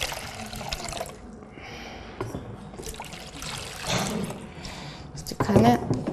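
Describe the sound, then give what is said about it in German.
Water sloshes and splashes in a container holding only water, in uneven bursts with a steady trickling undertone. A voice briefly sounds near the end. “Da ist bloß Wasser drin.”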